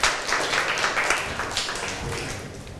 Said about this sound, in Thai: นักเรียนคะใครอยากจะออกมานำเสนอดีคะสถานการณ์ที่2ค่ะเชิญปรบมือให้เพื่อนหน่อยค่ะ